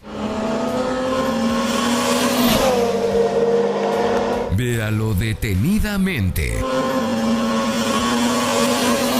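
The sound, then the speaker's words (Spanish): Loud engine roar from cars speeding by, their pitch bending and dropping as they pass, with a burst of rapid revving in the middle; a voice speaks briefly over the noise. “Los autos pasan volando y parece que el perro estaba justo entre ellos.”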